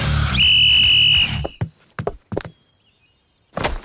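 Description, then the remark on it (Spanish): A single loud, steady whistle blast lasting about a second, blown to start a wrestling match in a ring, over a busy background, followed by a few scattered heavy thuds and bumps. “Cuando suene el silbato, correrán al centro del ring y lucharán.”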